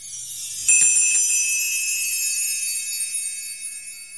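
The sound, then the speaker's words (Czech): A small bell rings with a bright, high tinkling onset, then its clear overtones hang and slowly fade over several seconds, with no voices. It opens a new summer fairy-tale contest on the Friday radio programme Kolotoč. “U nás to všechno zvonečkem začíná, stejně jako třeba první díl televizní Arabely.”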